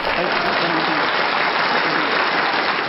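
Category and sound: crowd, applause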